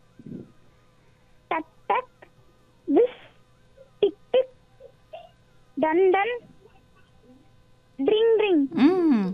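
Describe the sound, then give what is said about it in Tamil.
A voice imitates a bicycle bell with short, ringing vocal bursts, often in quick pairs, spread out with pauses and ending in a longer, louder run of rings. “வீட்டில் இந்த சைக்கிள், இருசக்கர வாகனம் வச்சுருப்பீங்கல்ல சைக்கிள், அதில் ஒரு மணி இருக்கும், அந்த சத்தம் எப்படி இருக்கும்?”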